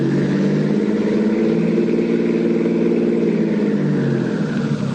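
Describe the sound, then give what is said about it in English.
A car engine hums steadily for the whole stretch as the car drives around a block, its low drone rising and falling slightly in pitch as the vehicle cruises along with no voices. “Well, we take one more turn around it.”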